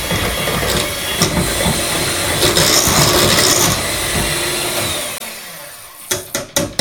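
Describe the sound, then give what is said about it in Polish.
An electric mixer whirs loudly as it blends pancake batter, its speed gradually increased, running steadily for several seconds before cutting off, followed by a few sharp knocks. “Możemy stopniowo zwiększać obroty.”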